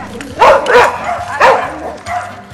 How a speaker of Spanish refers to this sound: Mira, ahí va batallando con el perro.